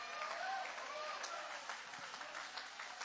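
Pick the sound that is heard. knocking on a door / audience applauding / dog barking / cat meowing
audience applauding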